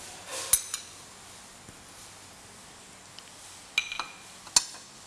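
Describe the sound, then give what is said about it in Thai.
A few sharp metallic clinks of a utensil against a soup pot as ham is added once the water boils again, soft food dropping in, scattered in two small bursts over a quiet background with no talking. “นี่ก็รอให้น้ำเดือดอีกครั้งนึงเราก็ใส่แฮมนะคะใส่แฮมลงไป”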